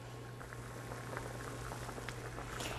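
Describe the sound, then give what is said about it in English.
A pot of water boils steadily with all of the spinach put in to blanch for about 15 to 20 seconds: a continuous bubbling and popping over a low, constant hum, with no voices. “Put all of the spinach in. And we're going to blanch it for about 15 to 20 seconds.”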